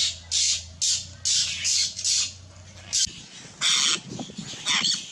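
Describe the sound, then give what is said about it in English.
Apostlebird calls: a rapid series of harsh, rasping squawks, about eight short bursts in quick succession, loud over a low background rumble. “It is the apostle bird.”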